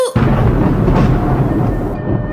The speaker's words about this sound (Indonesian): Tiba-tiba langit menjadi gelap, badai bergemuruh, angin bertiup kencang.